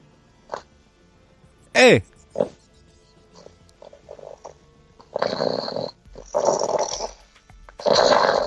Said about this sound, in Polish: Został tylko chrapiący psycho. Wake up!